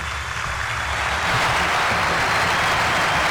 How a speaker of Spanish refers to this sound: ¿Querés aplauso?